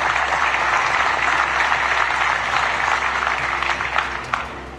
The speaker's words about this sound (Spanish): Ponte de pie, por favor, para que puedas realizar tu pregunta. Y démosle un aplauso, por favor.